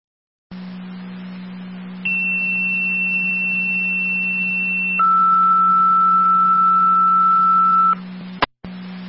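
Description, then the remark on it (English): Two-tone dispatch paging alert for an EMS call: a high steady tone holds for about three seconds, then drops to a lower tone for another three, over a constant radio hum, ending with a sharp click. “Repeating Young Sound Tech and set of tones, EMS call.”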